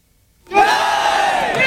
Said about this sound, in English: Crowds chant, "Where does vote theft happen?" In the office of the BJP.